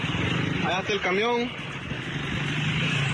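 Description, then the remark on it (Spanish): A truck engine idles with a steady low rumble in the street, running continuously throughout while a man speaks briefly over it near the start. “Allá está el camión, miren. Allá está el otro carro.”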